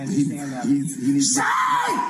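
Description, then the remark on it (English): A man screams during an encounter with police. Low, strained vocal cries give way to a loud, high-pitched sustained shriek that slides downward near the end. “You can hear the screaming going on here.”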